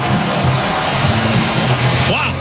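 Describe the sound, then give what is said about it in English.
A huge stadium crowd roars and cheers after a Cubs walk-off win over Cincinnati in the 10th inning of a baseball game, a loud, dense, unbroken wash of voices that holds steady throughout, with a brief whistle-like tone rising near the end. “Listen to this crowd.”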